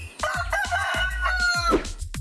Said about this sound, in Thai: ส่วนไก่ไม่ชอบน้ำเลยมันว่ายน้ำไม่เป็นและมันมักจะใช้เท้าของมันเดินคุ้ยเขี่ยหาอาหารกินตามพื้นดินและมีเสียงขันที่ทรงพลัง